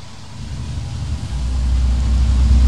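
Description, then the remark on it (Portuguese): A heavy truck's engine rumbles low and steady, gradually growing louder and straining slightly as it drives along a rough road with difficult access, with no voices over the noise. “Ele tá passando com o caminhão, dá pra ver a dificuldade do acesso já.”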